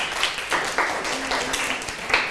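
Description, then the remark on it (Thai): A group of children clap together for a classmate who answered a teacher's question in class, a steady, dense patter of many hands, moderately loud and continuous for a couple of seconds, with no one speaking over it. “โอ้โหเยี่ยมมากเลยค่ะปรบมือให้กับเพื่อนค่ะ”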